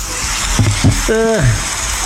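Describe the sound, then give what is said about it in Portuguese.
A steady, even hiss of rain runs through the whole clip, with a short burst of voiced, wavering vocal sounds rising and falling over it midway. “Barulho de chuva para dormir.”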